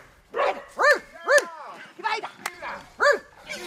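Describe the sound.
A female dog trainer imitates a dog barking to encourage the hunting dog Ayla during a test at fenced-in wild boars, letting out a quick series of about seven short, loud barks with slightly irregular gaps between them.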